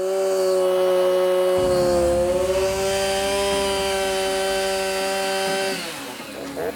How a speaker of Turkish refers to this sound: Ortadaki kirişler kesildikten sonra dış kısma geçiyorlar. Planımız direkleri testereyle yarıya kadar kesmek.